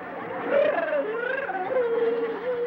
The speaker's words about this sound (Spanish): Oye, …, ¿qué tienes? ¿Por qué lloras?